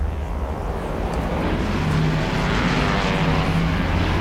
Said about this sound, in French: L'avion fait un virage à 90 degrés et met le cap vers le nord pour entamer sa descente vers ce qu'il pense être l'aéroport de Santiago.